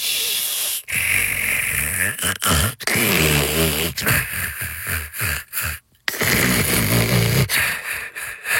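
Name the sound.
snoring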